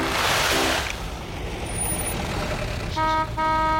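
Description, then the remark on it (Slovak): A heavy truck rumbles, opening with a loud hissing burst of air brakes, its engine droning steadily, then two short horn toots sound near the end. “Der, der, nakladné auto.”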